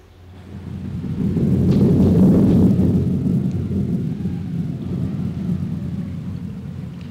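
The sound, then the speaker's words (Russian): A thunderstorm breaks: a long, heavy roll of thunder swells within the first two seconds and rumbles on beneath steady, hissing rainfall, with no voices. “Давно собиравшаяся гроза разразилась.”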